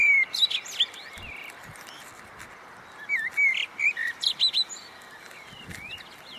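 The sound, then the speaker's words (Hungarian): High, thin bird chirps arrive in quick bursts, a cluster at the start and a livelier run of rising tweets in the middle, over a soft hissing background with no one talking. “Egy erdőn mentünk keresztül, amikor egy gyönyörű madár termett előttünk. A kis fiókáit kellett összegyűjtenünk.”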